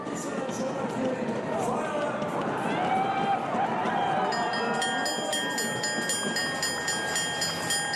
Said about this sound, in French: Et oui, la cloche pour signifier donc le dernier tour.